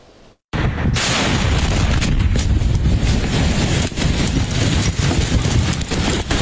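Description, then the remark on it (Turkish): A loud, continuous barrage of explosions rumbles and cracks without pause, with sharp bursts layered over deep booming, after a split second of silence at the start, at a military facility storing fireworks material in Bolivia. No voices. “Patlama sesleri ard arda yükseldi.”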